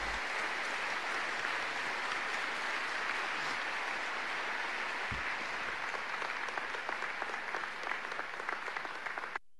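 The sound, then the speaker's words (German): An audience claps steadily for several seconds to greet all the mothers present, a dense, even patter of many hands with no voices, holding a constant level before cutting off abruptly at the end. “Und alle Mütter, die hier präsent sind, möchten wir grüßen mit einem Applaus.”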